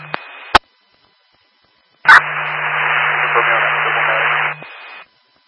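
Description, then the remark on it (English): A short crackle of radio static cuts off with a sharp click, then after a pause a louder burst of hissing two-way radio static runs for a few seconds before clicking off. “there was a lot of static.”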